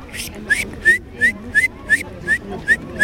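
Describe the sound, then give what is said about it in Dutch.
A person whistles an imitation of a great tit's call in a bird-whistling contest at the Leiderdorp nature playground's 15th birthday: a quick series of about eight short, bright, rising notes repeated in a steady, bouncy rhythm, with faint background murmur underneath. “Ik kon de koolmees heel goed nadoen.”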